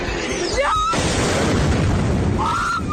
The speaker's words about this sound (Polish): Mieszkańcy Kijowa publikują nagrania z koszmarnej nocy. Także nagrania dokumentujące eksplozję rosyjskich rakiet.